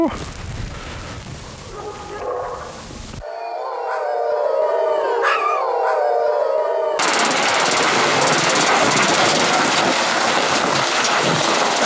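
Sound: wolves howling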